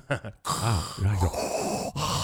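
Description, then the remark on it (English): A voice imitates how a partner sounds when snoring: heavy, rasping respirator-like breathing, a few harsh drawn-out inhales and exhales, like a mechanical snore, with brief talk-like sounds at the start. “here's what people say their partners sound like when they snore. Number five, Darth Vader.”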